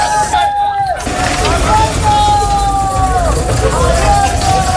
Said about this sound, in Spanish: Anoche el ejército seguía trasladando en camiones a inmigrantes a la frontera del Tarajal. Mira, y se van llenos.